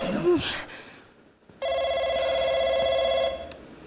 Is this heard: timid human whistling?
no